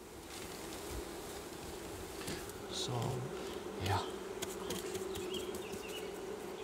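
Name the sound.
honeybees buzzing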